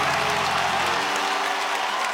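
A crowd claps steadily and densely, a loud, continuous wash of many hands with faint cheering mixed in, filling the whole stretch without pause.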